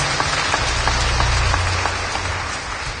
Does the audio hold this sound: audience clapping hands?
yes